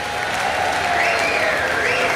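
A loud, steady wash of crowd applause, dense and continuous for the whole stretch, with a thin whistle-like tone drifting above the clapping.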